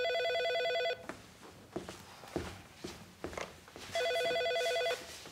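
A telephone rings in two steady, bright electronic bursts about three seconds apart, with shuffling footsteps and soft movement noises filling the gap between rings.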